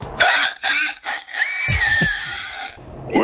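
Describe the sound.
A person squeals and grunts in a pig impression, several loud, high-pitched nasal bursts with rough snorting underneath, rising and falling in pitch over about three seconds.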